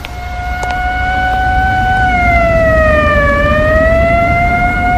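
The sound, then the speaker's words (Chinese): Police cars and military vehicles speed along Xinjun Street with loud, steady wailing sirens holding one tone, dipping slightly in pitch midway as they rush past, then rising again, with a low rumble of traffic and engines underneath. “新军街上的警车、军车拉着警报呼啸而过，老百姓见了一个个都惊恐万分。”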